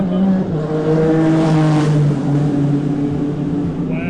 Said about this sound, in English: Wow. Those kind of race cars might be faster than cheetahs.